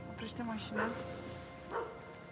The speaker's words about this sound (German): Die Hunde bellen.